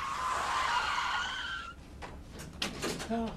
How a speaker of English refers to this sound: He was going too fast and lost control, man. The car, it flipped.